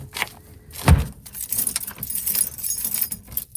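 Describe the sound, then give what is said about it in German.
The door of the Kita Waldmäuse daycare centre on the Klüt in Hameln, Germany, is locked: a bunch of keys jangles with bright metallic clinks, and a heavy thunk of the lock turning lands about a second in; the rattling continues lightly afterward with no one speaking. “Die Tür ist zu, die Kita Waldmäuse auf dem Klüt ist Geschichte.”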